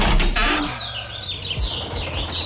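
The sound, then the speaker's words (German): Birds chirp and warble continuously through an open window, their bright calls rising and falling over a steady low rumble of outdoor background noise. “Schön, oder? Dieses Gezwitscher, das macht doch gleich gute Laune oder bringt einen besser drauf, ne?”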